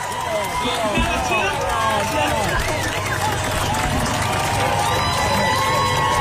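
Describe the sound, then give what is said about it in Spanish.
A concert audience applauds and cheers as the show stops, a large crowd roaring steadily with many overlapping shouts and cheers over a dense wash of noise, loud and unbroken for the whole stretch. “para todos los que están conectados por YouTube, el público aplaude porque paró el show.”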